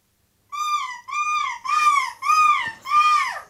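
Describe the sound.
A voice imitates a seagull's scream, either the winner of the European seagull-screaming championship (Måsskrik EM) or the host, played in a guessing quiz: five loud, drawn-out wailing cries in quick succession, each rising and falling, with no talking.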